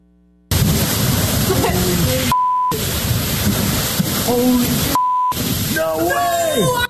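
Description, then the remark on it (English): Heavy rain and howling storm wind roar loudly and steadily, with excited voices speaking over it and two short electronic bleeps cutting in between stretches. “how much rain there has been and how hard it is to put aerial assets up, drones and helicopters, during storms to show you the effects of this water.”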